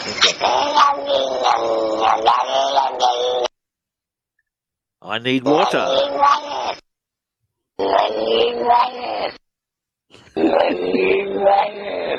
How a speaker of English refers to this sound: I got to hear the cat backwards again, only because I think it's really cool. Oh, really? You want to hear the cat backwards again? Okay. I think it's the coolest thing. Yeah, let's do the cat backwards again.